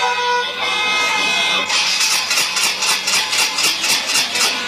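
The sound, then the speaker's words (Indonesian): A motorcycle engine hums briefly and stalls, then cuts to a rapid, rhythmic whirring and clicking as the starter cranks over and over without catching, fairly loud. “Mogok, padahal perut nyaman, tiba-tiba mati. Starter tak hidup.”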